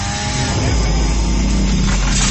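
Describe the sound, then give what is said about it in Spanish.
A chainsaw runs loud and continuous while machines cut down trees, its engine holding a steady, raspy buzz with a deep droning rumble underneath throughout the short clip. “¿Y ese ruido que oigo qué es? ¡Una motosierra, Francisco!”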